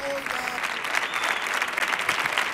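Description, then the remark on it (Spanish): A dense, roaring ovation from a large crowd on the show of comandante Lara for guests a singer and José Galán, steady and loud throughout, with a few faint whistles and voices buried in the clapping. “Atronadora la ovación, ¿eh?”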